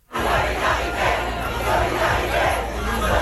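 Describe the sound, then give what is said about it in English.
A large crowd at a student protest in Paris, France, chants loudly in a steady, rhythmic cadence, many voices shouting together in repeated bursts with a constant roar of noise underneath. “The student protests, like this one in Paris today, began last week and spread across France.”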